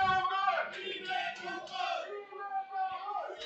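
Las Rozas football fans shouting and cheering together during a match, a dense wall of raised voices chanting and yelling continuously, loud, with surges of cheers near the start and end.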